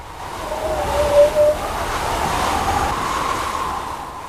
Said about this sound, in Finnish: Mikä tahansa tuulen edessä oleva este saa aikaan pyörteitä, jotka voi kuulla äänenä. Jopa niinkin ohut este kuin puhelinlanka riittää. Mitä paksumpi lanka, sen matalampi ääni. Kun taas tuulen nopeus kasvaa, äänen korkeus nousee.